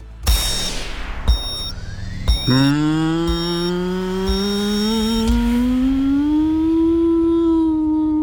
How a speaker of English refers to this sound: That was a model aeroplane, I think